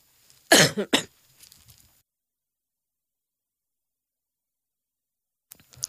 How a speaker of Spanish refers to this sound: Perdón, tuve que toser, todavía estoy tosiendo.